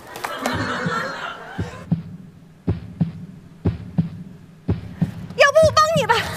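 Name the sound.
office printer running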